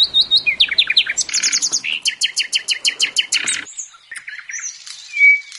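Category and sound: bird, nightingale singing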